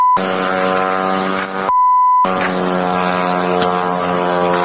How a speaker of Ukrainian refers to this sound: Над самою Москвою дрони маневрували попри удари ППО. Нібись на Капотні. Росіяни намагаються відпрацювати по українських пташках, лунають вибухи, містяни нервують. Ще один летить где-то. Вот он, падла.